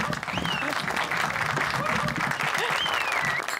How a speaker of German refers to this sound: Applaus für die …. Applaus!